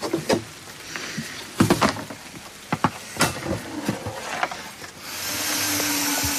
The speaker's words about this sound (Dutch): Het begint inmiddels ook te regenen.